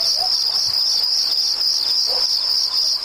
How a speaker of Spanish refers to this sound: Ahí está el mosquito. Me voy con el mosquito.